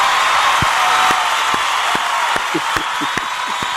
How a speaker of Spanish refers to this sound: Ponme unos aplausos, por favor